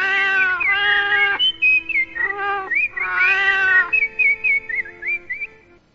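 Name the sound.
cat meowing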